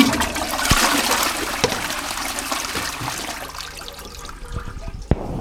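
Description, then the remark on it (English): A toilet flushes with a loud rush of swirling water that gradually tapers into trickling and gurgling as the bowl refills, with a couple of faint clunks. “And could you activate the sacred flush?”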